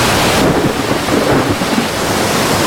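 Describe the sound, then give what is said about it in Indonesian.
A loud thunderstorm: a deep, sustained rumble of thunder rolls beneath the steady hiss of heavy rain, with gusts of wind blending into the noise. No one speaks. “Hei, ada apa ini? Mengapa tiba-tiba ada badai?”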